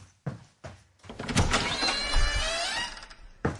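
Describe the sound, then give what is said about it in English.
A door to the outside world opening: a few soft clunks, then a steady whirring, scraping slide for about two seconds, ending in a firm thunk, with no voices. “Okay, I shall go off and open the door to the outside world and get back into reality.”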